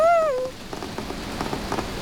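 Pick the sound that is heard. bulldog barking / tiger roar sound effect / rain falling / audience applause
rain falling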